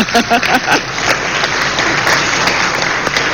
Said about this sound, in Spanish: Muchachas, bueno, un aplauso.